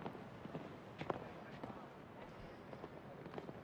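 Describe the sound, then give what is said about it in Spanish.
Rhythmic hoofbeats of an 11-year-old horse cantering across soft ground during a show jumping round, a steady series of dull thuds over a murmuring crowd-like background. “A ver aquí, esa primera galopada ha ido muy directo.”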